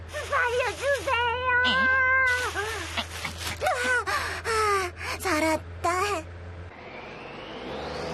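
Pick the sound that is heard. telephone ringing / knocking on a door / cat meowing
cat meowing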